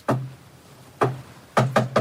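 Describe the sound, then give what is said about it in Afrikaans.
Knuckles rap on a wooden office door: one knock, a second after a pause, then a quick burst of three, each with a hollow thud. Clear, with no talking. “Klop, Janu.”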